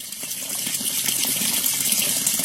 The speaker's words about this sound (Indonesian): Eh, itu keran kenapa nyala mulu?